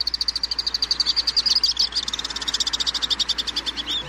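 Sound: swift calls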